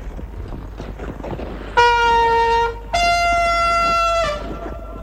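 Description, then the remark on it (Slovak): A trumpet horn blown as a signal sounds two long, loud blasts, the second slightly lower in pitch and held longer, over a faint background murmur. “Tu je trúbka. No si zatrú.”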